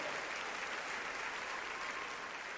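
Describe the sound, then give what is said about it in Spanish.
Steady, dense applause from a crowd for a couple of lovers fills the whole stretch, a continuous wash of many hands clapping at even loudness with no voices standing out. “¡Aplauso para los enamorados, muchachos! ¡Fuerte!”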